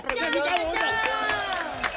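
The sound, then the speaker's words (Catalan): A crowd applauds loudly for a couple of seconds after Firulai wins a game with frogs, steady clapping mixed with excited cheering and overlapping shouts from many voices. “Fort aplaudiment.”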